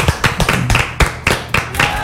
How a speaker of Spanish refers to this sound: Un aplauso para ese nombre, ¿eh?